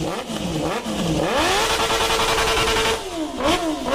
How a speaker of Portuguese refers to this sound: Esse aí, pelo menos, é de moto esportiva, tá, né? É de moto esportiva, mas esse aí é o famoso corta-giro ou não? Exato. Pelo menos esse é de moto esportiva.